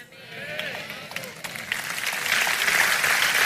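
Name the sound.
audience applauding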